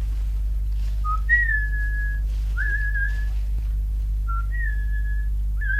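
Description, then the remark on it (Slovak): A series of short human whistles from a contact giving a signal, each a quick low note rising to a held higher tone, repeated about four times over a steady low hum, with no talking. “Je to spojka. Dáva znamenie.”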